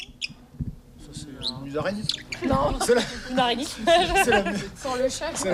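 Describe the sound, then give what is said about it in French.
Busy swallow twittering fills the scene, a rapid stream of bright chirps and warbles, layered over low background voices. “Mais c'est un oiseau très commun. Une hirondelle.”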